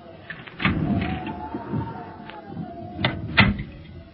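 A door opening on the way to a laboratory: a sharp clunk, then a thin drawn-out creak over a few seconds, followed by two more knocks as it swings and settles.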